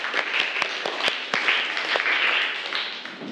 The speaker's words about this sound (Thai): อ่ะเริ่มจากกลุ่มที่3ก่อนเลยนะคะกลุ่มที่3ก่อนเลยนะอ่ะปรบมือให้กำลังใจกลุ่มแรกก่อนเลย